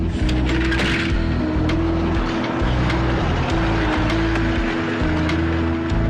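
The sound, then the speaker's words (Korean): A village bus engine rumbles loudly and steadily, with a deep low drone and occasional clicks and rattles, heavy for the whole stretch, as the bus drives away into the distance. “종성은 버스가 멀리 사라질 때까지 오래도록 바라보며 손을 젓는다.”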